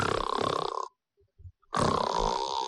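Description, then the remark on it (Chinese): A voice imitates loud snoring in a Chinese storytelling performance, a character snoring as a secret signal: two long, harsh rasping snorts, each under a second, separated by a quiet pause with a few faint low thumps. “不行，我打呼噜。”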